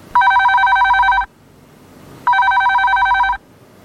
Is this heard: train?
no